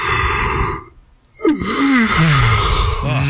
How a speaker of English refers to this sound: How did you guys know I was yawning? Because you yawned. Because you pretty yawned. Pretty easy. We heard you yawn.